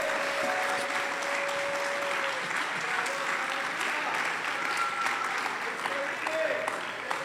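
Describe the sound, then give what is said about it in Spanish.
Loud, sustained applause from a large church audience, a dense steady clatter of many hands clapping throughout, with faint voices and shouts mixed into the crowd noise. “Yo no sé si usted le puede dar un aplauso fuerte.”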